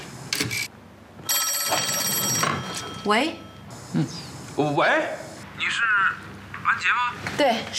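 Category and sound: signal or alarm, telephone ringing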